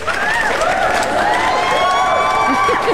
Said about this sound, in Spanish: ¡Sí, ponme unos aplausos o algo!